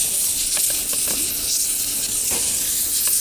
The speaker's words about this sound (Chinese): 这边汤出锅了